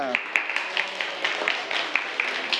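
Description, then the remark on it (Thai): A group of students claps together during a lesson after the answer 'the brain' is given to a question about which organ handles memory. It is a dense, uneven patter of many hands, with a few sharper, louder claps standing out across the few seconds. “เอาล่ะแล้วนักเรียนอวัยวะที่มีหน้าที่เกี่ยวกับความจำคืออวัยวะใดใช่ไหมใช่หรือไม่ใช่หรือไม่ใช่สมองปรบมือ”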